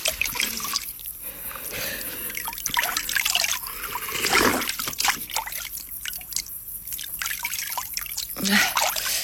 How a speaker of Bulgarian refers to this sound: Чекай се наплискам. Чекай. Чекай да пинем. Студена вода.